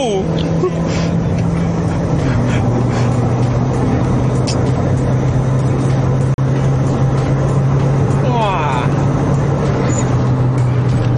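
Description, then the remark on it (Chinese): A car drives steadily, its engine droning loud over a constant roar of tyres on the road, the engine pitch dropping once early on, while a voice briefly exclaims. “这个车很 stable， 很 stable， 你不会乱劈来劈去，全部在你的手。”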